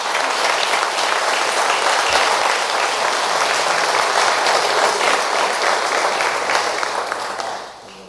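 An audience claps steadily for Jesus in a dense, sustained wave of applause that stays loud for several seconds, then gradually fades out near the end. No voices stand out.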